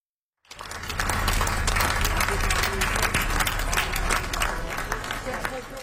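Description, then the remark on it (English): A large crowd of fans lining a street in the coastal Welsh town of Swansea applauds outdoors as a hearse passes, dense steady clapping that starts abruptly and holds for several seconds, with faint murmuring voices mixed underneath. “Final applause for singer”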